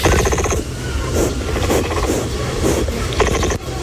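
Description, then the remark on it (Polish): An angry capybara grunts and chatters in harsh, rapid pulses, with buzzy, harmonic bursts at the start and end and rougher rumbling grunts between, fairly loud throughout with no talking. “Posłuchajmy teraz dźwięków, bo jak jest zła, to chrumka.”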